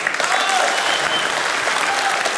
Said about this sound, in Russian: Камеди Радио и ТНТ представляет Камеди Клаб. На сцене Демис Карибидис. Под ваши бурные аплодисменты в кабинете мэра какого-то провинциального городочка.